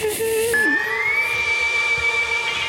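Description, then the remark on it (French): An ondes Martenot, an electronic instrument invented by Maurice Martenot in 1928, gives an eerie, whistling tone that holds a mid pitch, wobbles, then glides smoothly upward to a high sustained note. It floats over a dense backdrop of a very large orchestra playing a symphony that also features a piano. “Alors les ondes Martenot, c'est un instrument de musique électronique inventé par Maurice Martenot en 1928. C'est l'espèce de sifflement là.”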